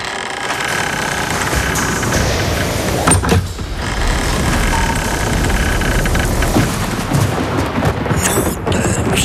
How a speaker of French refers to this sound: Ben oui, il y a un orage.